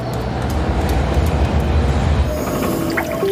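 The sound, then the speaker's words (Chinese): A London Underground train rumbles loudly and steadily through the old, damp, warm underground tunnels with a dense low roar and rattling clatter, with faint high squeals and tonal whines rising near the end. No one speaks. “伦敦地铁修建时间较早，地下环境潮湿闷热，一些区域常有积水”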